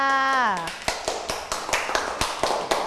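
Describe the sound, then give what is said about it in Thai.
A brief spoken syllable with a falling pitch gives way to applause for group 4: a group claps together in a steady, fairly quick rhythm, the sharp claps moderately loud and continuing to the end. “ค่ะขอเสียงปรบมือให้กับกลุ่มที่4ค่ะ”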